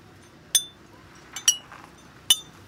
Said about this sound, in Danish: Kan vi ikke lige høre, hvordan de stemt flaskerne? Jo, I får lige de tre forskellige her. Ja, det lyder da meget godt. Det kræver et trænet øre at kunne høre forskel på nummer 1 og nummer 3, men det, der er forskel.